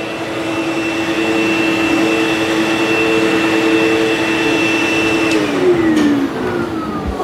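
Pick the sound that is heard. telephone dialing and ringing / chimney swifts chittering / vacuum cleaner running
vacuum cleaner running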